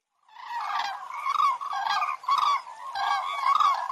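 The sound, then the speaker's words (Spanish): A flock of 15 cranes trumpets in flight in a V formation in the sky at the 13th-century Sagmosavank monastery above the Kazak river gorge in Armenia, loud rolling calls overlapping in several bursts. The honking notes are bright and harmonic, rising and falling steadily with no voices present. “Estaba admirando sus viejas piedras cuando de repente aparecieron trompeteando en el cielo estas queridas amigas.”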